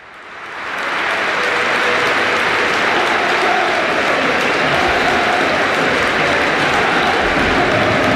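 A large standing crowd at the Bernabéu, Real Madrid's stadium, applauds Dani Carvajal after 13 seasons with the first team, a dense, sustained roar of clapping that swells in over the first second and then holds loud and even throughout, with no voices standing out.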